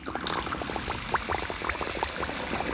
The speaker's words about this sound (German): Sie hat eine mittelgroße Spüliflasche zwischen den Zähnen und steuert damit zielstrebig die Regentonne an. Gluckernd füllt sich auch ihre Flasche.